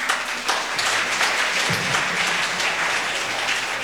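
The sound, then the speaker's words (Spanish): A crowd of community members at a fiesta, some from Tierra Colorada and Chichinán, applauds steadily, a dense wash of many hands clapping at an even, sustained loudness for the whole stretch, with no voices standing out. “Brindemos fuertes aplausos por nosotros.”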